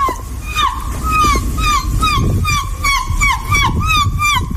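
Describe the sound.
A competitive seagull-call imitator's voice imitates a seagull, letting out a rapid series of shrill, repeated squawking calls with a rising-falling pitch, loud and continuous over a low rumbling background.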